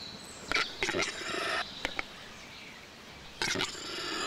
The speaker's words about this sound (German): Der Auerhahn. Das Balzritual des Auerhahns gehört zu den beeindruckendsten der heimischen Vogelwelt.